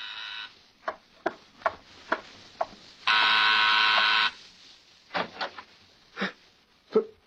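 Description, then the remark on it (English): A harsh, steady doorbell buzzer sounds at a front door in the evening for just over a second, loud and flat in tone, with scattered sharp taps and knocks before and after it. “That evening brings a surprise to your door.”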